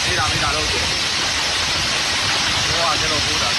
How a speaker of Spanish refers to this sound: Es, por ejemplo, el sonido ayer en Tarragona, donde cayó pedrisco de hasta 5 centímetros.